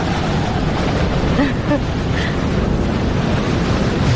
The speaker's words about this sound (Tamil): அங்க பாத்தியா, இது வரைக்கும் யாருமே பாத்திருக்க முடியாத ஒரு பயங்கரமான புயல் வீசிக்கிட்டு இருக்கு. இத பாக்கிறது ரொம்ப அபூர்வம்.